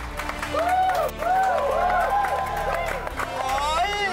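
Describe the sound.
A crowd applauds steadily for about four seconds, the dense clapping mixed with loud cheers, whoops and rising-falling shouts from many voices.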